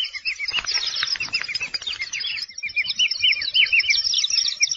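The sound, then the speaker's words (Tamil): Many birds chirp and twitter together in a dense, continuous chorus of quick, high notes, loud throughout, with no voices; rare birds of the Western Ghats mountains in southern India. “இன்று நாம் கேட்க போவது மேற்கு தொடர்ச்சி மலையில் இருக்கும் அரிதான பறவைகளை பற்றி.”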